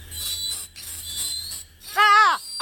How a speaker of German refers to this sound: Dabei hatten wir schon so eindrückliche Bohrergeräusche gesammelt. Hören Sie mal.